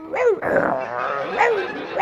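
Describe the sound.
A person growls and barks in imitation of a rabid, snarling, vicious dog, several harsh vocal bursts in quick succession, loud.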